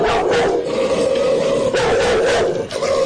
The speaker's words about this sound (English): Zora, she's the queen of No Limit. Well, she's a beautiful dog, but a tough-looking one.